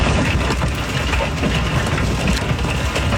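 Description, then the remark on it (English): A dense, steady roar of hail coming down at night around Colorado Springs, Colorado, with countless sharp pattering impacts and clatters over a low rumbling wash of noise, loud and continuous throughout, with no voices. “That's hail falling around Colorado Springs last night.”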